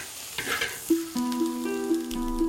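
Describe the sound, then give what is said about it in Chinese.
Small local glutinous rice shrimp sizzle and crackle in a hot wok as they are slowly stir-fried over a low flame to turn fresh shrimp into dried shrimp, in a Hakka village, a steady hiss with scattered pops, joined partway through by a sustained tonal hum beneath the frying. “我师傅呢，用硬菜把它慢慢的背熟子，炒制一个。”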